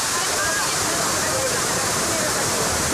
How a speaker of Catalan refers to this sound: I la recompensa és la pau que et dona l'escenari que et va apareixent al llarg de tot el trajecte i que culmina amb una traca final, la cascada de Gerber, coneguda també com el salt d'aigua de Comials.